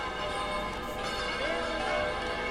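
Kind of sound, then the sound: signal or alarm, church bells ringing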